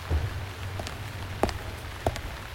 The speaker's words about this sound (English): It was raining hard by then, and I made use of that when I put the bite on the people passing by.